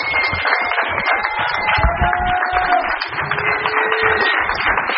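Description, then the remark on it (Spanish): Steady applause from an audience for the women's self-defense groups fills the whole clip, a dense crackle of many hands clapping at an even loudness, with a few faint cheers or whistles rising above it. “las mujeres autodefensas, para quien pido un fuerte aplauso esta mañana.”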